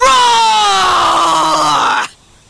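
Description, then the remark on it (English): A person gives one loud, sustained roar in imitation of a bear, with scrunched-up eyes and bared teeth, a strained, harmonic-rich vocal bellow that slowly drops in pitch over about two seconds before cutting off abruptly. “You scrunch up your eyes like this, and show your teeth like this, and roar like this.”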